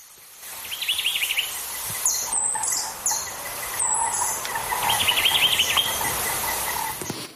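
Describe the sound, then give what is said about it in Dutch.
Birds call in a lush garden in Jamaica: repeated high, wavering trills and sharp chirps over a steady bed of insect and cricket buzzing, moderately loud, with no talking. “We horen zo drie vogels in actie, waarvan er eentje echt alleen op Jamaica rondvliegt.”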